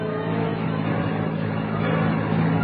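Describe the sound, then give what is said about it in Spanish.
The engine of a vacant taxi hums steadily with a low, droning rumble, growing slightly louder toward the end as if the taxi is drawing closer. No voices are heard. “Allá viene un libre. Lo voy a detener.”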